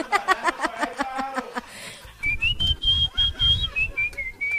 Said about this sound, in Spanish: ¿Vio cómo me pueden pedir las canciones también silbando?